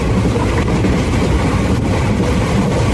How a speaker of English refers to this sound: Just imagine steam engines rolling in and workers calling to each other and passengers gathering with bags in hand.